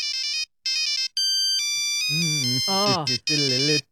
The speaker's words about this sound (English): All right, we're talking about 2003, and we're talking about the phones back then, Nokias and polyphonic ringtones. You remember these? What team? What song is this on a polyphonic ringtone?